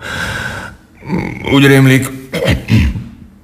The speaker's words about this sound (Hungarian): Torokköszörülés, köhögés.